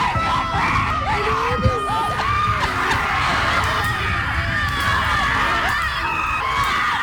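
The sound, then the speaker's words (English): A crowd of women at a rage retreat, letting out frustration, screams and yells nonstop in loud, overlapping high-pitched cries, with scattered sharp thwacks as they smash sticks against the cement of a road. “And that's taken from a video with a road full of women who are smashing sticks against the cement.”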